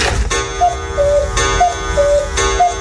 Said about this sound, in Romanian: Ce e asta? Ce se întâmplă, elevi? Au, vă rog să mă scuzați! Ceasul meu a luat-o iar înainte! Sună de ieșire!